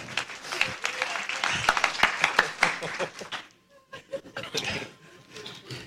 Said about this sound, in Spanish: Denle un aplauso al Señor, gloria a Dios.